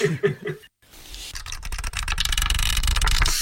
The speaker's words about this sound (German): Wir hätten wieder autofreie Tage und jemand, der dann versucht, in sein Auto einzusteigen und loszufahren, kann das einfach nicht.